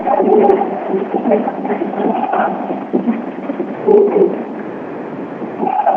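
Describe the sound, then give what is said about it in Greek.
A dense, continuous roar of the crowd in the Andreas Papandreou indoor arena in Peristeri during the close finish of a game, loud and steady with brief surges of cheering and shouting; no single voice stands out above the din. “Και ακούτε τι γίνεται στο κλειστό Αντρέα Παπανδρέου εδώ στο Περιστέρι.”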